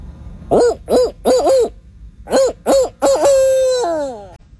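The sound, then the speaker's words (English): A person imitates a barred owl call, loud: a quick run of four rising-falling hoots, a short pause, then more hoots ending in a long, drawn-out descending note. “That's a really good barred owl call.”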